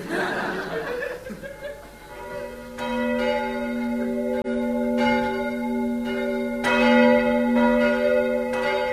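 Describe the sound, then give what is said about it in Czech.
Church bells ring out at New Year with steady, resonant strikes every second or so, their deep tones humming and overlapping, after a brief murmur of laughter-like voices at the start. “Počuješ, James? Zvonia. To už je nový rok.”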